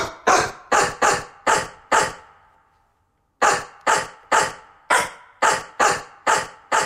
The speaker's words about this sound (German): Horst also als Radiostar und jetzt sind Sie dran. Welchen Hit bellt denn Bulldogge Horst für uns?